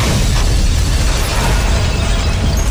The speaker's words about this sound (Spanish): Ben Reilly sigue a un hombre desde un bar hasta una refinería. Ve al hombre prenderse en llamas por sí mismo y atacar a otro frente a él. Las llamas llegan a los tanques de gasolina. Hay una fuerte explosión.